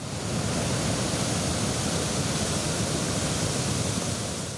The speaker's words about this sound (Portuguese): Perto das cachoeiras, as imagens mostram a força da correnteza.